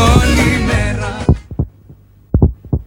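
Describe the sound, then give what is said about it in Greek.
A dense, full burst of sound fades out, then a heartbeat sound effect follows as the time signal on Radio Chersonissos 97.2: deep, muffled thumps in lub-dub pairs, steady and loud against near silence. “Στον επόμενο χτύπο της καρδιάς σου, η ώρα θα είναι 9.”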